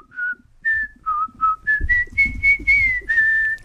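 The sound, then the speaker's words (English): A person whistles a familiar melody, about ten clear pure notes in a steady, rising and falling tune, with faint low rumble underneath and no talking. “Do you want me to whistle it? Yeah, you can whistle it.”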